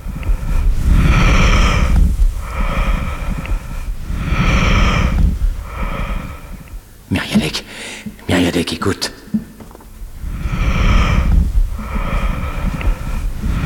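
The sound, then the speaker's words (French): Slow, rhythmic breaths whoosh in and out through a stethoscope listening to a seated patient's lungs, soft and muffled: the vesicular murmur of the alveoli folding and unfolding with breathing. A brief rustle and clicks come midway, with a short spoken word. “Oui, le murmure vésiculaire des alvéoles qui se plissent et se déplissent selon la mécanique respiratoire.”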